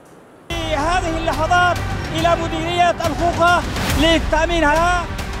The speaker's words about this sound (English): Gunfire, chants, and scenes of jubilation. This is how Houthi fighters are celebrating their push into Yemen's western coast after seizing ground around Mocha and Tubab.